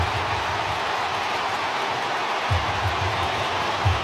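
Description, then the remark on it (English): A stadium crowd roars in celebration of a try, a dense, unbroken wall of cheering that holds steady for about four seconds, with low rumbling swells beneath it and no voices standing out. “Listen to this crowd.”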